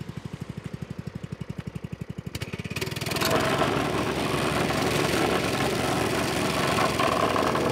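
A motor idles with a steady chugging pulse, then revs up into a loud, continuous rattling roar as a vibrating compactor starts shaking at a road construction site, compacting fill into a hole in the road, holding that harsh drone to the end with no voices.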